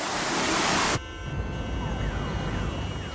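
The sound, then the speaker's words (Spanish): A loud second of rushing noise cuts off abruptly, giving way to city traffic rumble with a wailing emergency siren sweeping up and down. “El tráfico de la ciudad tiene su propio ritmo y es mucho más lento de lo que te gustaría.”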